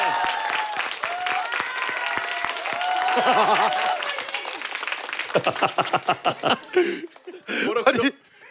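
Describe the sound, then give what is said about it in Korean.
A small group claps and laughs in congratulation after someone's body weight passed 100, starting over lively overlapping chatter, with sharp irregular claps growing more distinct toward the end. “박수를 왜?”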